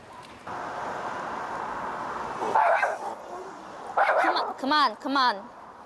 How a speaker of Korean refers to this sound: 결국 짖는 강아지들을 데리고 밖으로 나가는 보호자. 짖지 마. 안 돼.